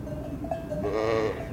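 A ewe lets out a wavering, nasal bleat, calling for her lamb, with a faint tonal hum and a soft clank like a cowbell earlier on.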